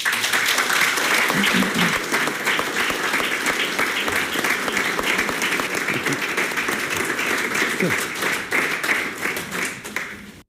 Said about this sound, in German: Der kräftige Applaus machte es deutlich, wie begeistert die Gäste von Gilbert Holzkangs Präsentation des Buches zur Biografie von Otto und Käthe Ralfs waren.